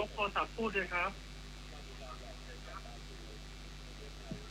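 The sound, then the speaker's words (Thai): A female caller's radio plays over her phone line during a call-in: a brief burst of talk, then a muffled, hissy line with a steady low hum and faint broadcast sounds drifting through. “เขาได้ยินฟังอยู่หรือ ติดวิทยุเลยครับ คุณวิทยุเลยครับ คุณน้าอยู่ไหม คุณน้าอยู่ไหมน้าอยู่ไหม ผมถ้าเป็นแบบนี้ผมตัดสายนะครับคุณน้าผู้หญิงที่โทรมาฮะฟังยกโทรศัพท์พูดด้วยครับ”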